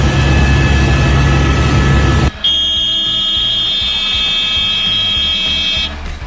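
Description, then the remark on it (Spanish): A news helicopter's engine roars steadily during live coverage of a car accident in Los Angeles, then cuts to a rhythmic rotor thumping under a sustained high-pitched warning tone, with no one speaking. “Ella dijo como, ya vamos a salir, nota en vivo, vea, desde un helicóptero, wow.”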